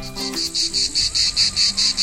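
Cicadas chirp loudly in a steady, pulsing buzz, repeating in even bursts about four times a second, with a faint low background hum and no voices.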